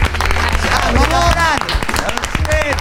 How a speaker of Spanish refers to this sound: Muy bienvenidos y un aplauso muy grande